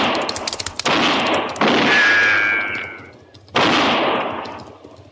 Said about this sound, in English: That's fine shooting, just fine. You missed him.